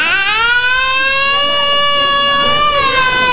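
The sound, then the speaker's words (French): A recording of the speaker's own baby wailing loudly in one long, unbroken cry, its high, strained pitch rising slightly and holding steady for a few seconds without a pause for breath. “Tiens, balance-moi les pleurs de mon bébé, vas-y.”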